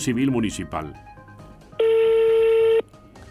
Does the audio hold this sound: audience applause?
no